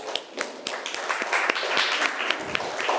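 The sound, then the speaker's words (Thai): A crowd applauds a representative from group 5 steadily, many overlapping claps forming a dense, crackling wash with a few sharper individual claps standing out, fairly loud throughout with no talking. “ขอเสียงปรบมือให้ตัวแทนจากกลุ่มที่5หน่อยค่ะ”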